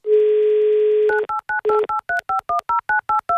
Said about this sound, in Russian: Набираем ее номер телефона.